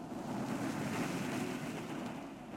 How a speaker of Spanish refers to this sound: Y salta a la canoa. El nativo hunde el remo en el agua iniciando el viaje hacia las playas.